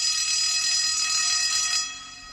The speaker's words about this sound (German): Es ist ein warmer Sommertag. Man hört die Pausenglocke der Realschule.